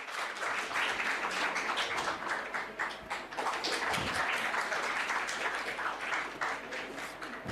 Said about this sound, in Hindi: बिल्कुल सही बात है, जोरदार तालियां आपके लिए।